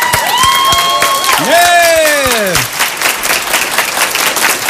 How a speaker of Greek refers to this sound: Μπράβο, μπράβο, μπράβο. Εντάξει, αρκετά, αρκετά. Ευχαριστώ πάρα πολύ για το χειροκρότημα.